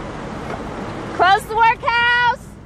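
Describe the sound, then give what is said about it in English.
A steady wash of street traffic noise at a busy intersection in St. Louis, Missouri, then a burst of loud honking: two short horn blasts followed by a longer held one before the street noise returns. “Inez Bordeaux is standing in traffic at a busy intersection, handing out flyers.”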